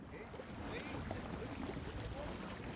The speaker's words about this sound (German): Trotzdem, der Skipper hat seine Crew genau im Blick, je näher wir der Schleimmündung und somit der Ostsee kommen. Und dann frischt der Wind doch noch ordentlich auf.